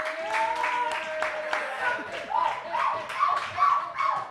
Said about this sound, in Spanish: Vamos a pegar un aplauso a esta chica.